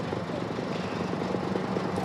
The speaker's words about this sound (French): Eh bien, écoutez, on voit qu'il y a énormément de moyens mobilisés sur place et surtout cet hélicoptère Dragon, peut-être que vous le voyez, mais surtout que vous l'entendez. Il est en train, eh bien, de survoler la zone